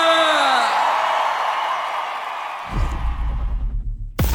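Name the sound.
crowd cheering and yelling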